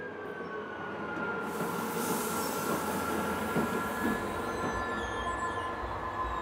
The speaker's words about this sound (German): Die älteste Lok aus dem Betriebswerk springt ein, um die moderne E-Lok zum Zug zu bringen.